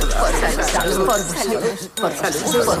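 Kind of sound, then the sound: household object, glasses clinking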